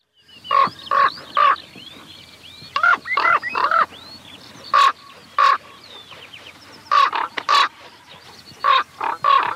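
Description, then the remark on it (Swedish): A raven calling in flight gives a long series of hoarse, croaking calls in quick pairs and triplets, loud, with faint higher bird notes in the background. “Ja, här flyger korpen och låter höra sitt läte hes som en korp, säger man.”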